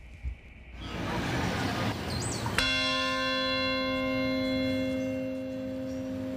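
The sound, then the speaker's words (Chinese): A single memorial bell toll rings out once in Lower Manhattan, calling a national moment of silence on the anniversary of September 11, 2001. It is loud, its deep resonant hum lingering and slowly fading over a steady outdoor background rumble. “曼哈顿下城响起一声钟声，召唤全国默哀。”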